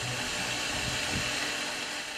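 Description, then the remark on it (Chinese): Unglazed Jianshui purple clay pottery being hand-polished by a craftsman as the final step after firing: a steady abrasive whirr with a faint hiss, running continuously for a couple of seconds with slight low rumbles midway and no voices. “建水紫陶不施釉料，全靠工匠手工打磨，让原本粗糙的陶器表面呈现出明如镜、华如玉的光泽。”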